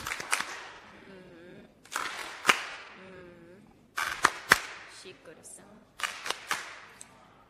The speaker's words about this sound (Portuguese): Palmas carinhosas.